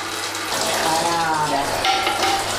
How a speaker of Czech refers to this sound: Takže nic nepřijde na zmar, už nám syrovátka stéká do kýble a ten tvaroh je takový vláčný, pěkně vidět, že je tučný.